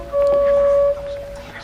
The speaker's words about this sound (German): Mittags, als sie kamen, hat man die Hupe schon von fern gehört.